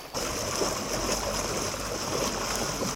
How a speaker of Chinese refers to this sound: 道路一侧的关山河河水已经漫过路面，最深处积水足有70厘米。